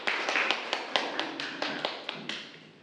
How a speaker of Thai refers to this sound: เป็นความคิดที่ยอดเยี่ยมมากๆเลยแสดงว่าเคยขายของมาก่อนหรือเปล่าเนี่ยฮะขอเสียงปรบมือให้กับเพื่อนหน่อยนะครับ